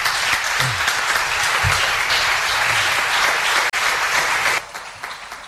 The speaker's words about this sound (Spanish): Bueno, ese aplauso para el amigo